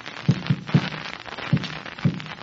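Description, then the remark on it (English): Dull, low knocks tapped on a wall as a Morse-code SOS signal: a quick group of three taps, then two more spaced farther apart, with no voices. “That was the signal SOS.”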